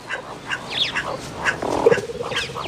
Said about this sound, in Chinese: 伊娜拉有一个捕猎绝招，她会对着洞穴发出低吼，把里面的小动物吓出来。